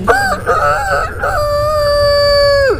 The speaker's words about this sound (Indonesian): Ceritanya ada ayam yang berkokok membangunkan semua binatang-binatang.